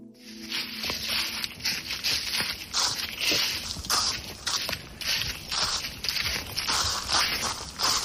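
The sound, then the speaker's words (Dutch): Footsteps crunching through a thick layer of dry, drought-parched leaves in an otherwise dead-silent forest in Garderen, a steady walking rhythm of loud, crisp crackles and rustles that fill the whole stretch, with no voices and little else around them. “loopt door een dik pakket droge bladeren in een verder doodstil bos in Garderen.”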